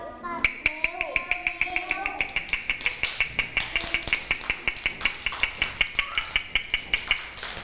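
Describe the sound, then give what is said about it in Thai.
A quick, steady tapping beat of sharp, bright clicks, about four per second, keeping an even rhythm throughout, with a voice speaking faintly underneath at the start. “เด็กๆคะจังหวะนี้คือจังหวะอะไรคะจังหวะเร็วถูกต้องเลยจังหวะที่เด็กๆได้ยินก็คือจังหวะเร็วถ้าเด็กๆได้ยินจังหวะเร็วก็ต้องเคลื่อนไหวแบบเร็วๆ”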